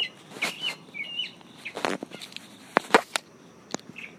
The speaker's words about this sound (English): Okay, so that's been my bit to your bit, from South Carolina, underneath a tree with the birds.